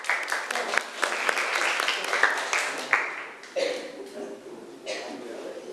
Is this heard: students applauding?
yes